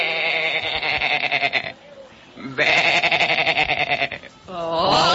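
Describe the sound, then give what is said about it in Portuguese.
A voice imitates a sheep on Noah's ark in a Bible story with loud, drawn-out quavering bleats, three in a row separated by short pauses, clear with no other sounds around them. “Todo dia Noé ouvia a ovelha fazendo assim. Bé.”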